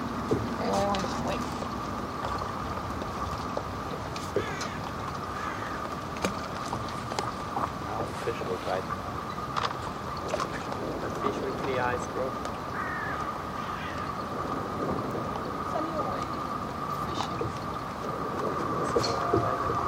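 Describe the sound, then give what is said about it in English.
A boat engine drones steadily on the water, a constant rumble with a humming tone that holds evenly for the whole stretch, with faint voices now and then beneath it. “Stop the engine?”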